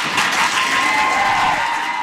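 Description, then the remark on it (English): A crowd at a school board public meeting applauds and cheers steadily after the superintendent recommends no school closures or mergers, a dense, continuous wash of clapping with raised voices mixed in, loud and sustained for the whole stretch without pause. “You can hear from the cheering there that people at the meeting were very excited to hear that.”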